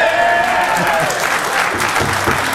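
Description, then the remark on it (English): A studio audience applauds and cheers, a dense, steady wash of clapping with scattered whoops rising over it, loud throughout the short burst. “What do you think? We agree, crowd?”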